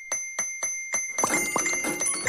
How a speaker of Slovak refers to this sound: Je to cinknutie extra výplaty na účet.